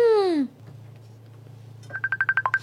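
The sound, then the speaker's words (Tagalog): A cellphone rings for an incoming call: a loud electronic ringtone of rapid, evenly spaced beeps starts after a falling vocal sound and a low steady hum. “May nagapanawag sa cellphone, ho?”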